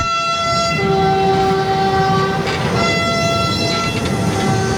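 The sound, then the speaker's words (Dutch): A freight train carrying pick-up trucks bound for Ukraine, driven by a German driver to the Polish border, rumbles past with a heavy, steady roar while its horn blares in long, sustained tones, one pitch dropping out partway through. No one speaks. “Daar neemt een Duitse machinist het over, die hem tot aan de grens met Polen rijdt, overdraagt aan de Polen”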